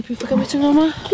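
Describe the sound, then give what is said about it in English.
A pig being fed food scraps at a Māori immersion school in Ōtaki oinks and squeals in a quick run of short, voiced grunts, some rising and sliding in pitch, loud and continuous for about a second. “The happy pig getting scraps at Te Kura Kaupapa Māori o Te Rito, a Māori immersion school in Ōtaki.”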